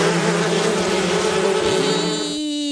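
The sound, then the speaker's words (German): A wasp buzzes loudly and steadily, its droning hum wavering slightly in pitch before shifting near the end; no one speaks. “So vertreibt ihr Wespen.”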